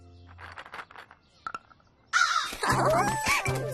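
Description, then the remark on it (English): Several loud, harsh crow caws burst in after a brief quiet stretch of faint voices, overlapping raspily in a noisy, squabbling cluster as the crows are fed walnuts. “I've got a special treat for the crows today.”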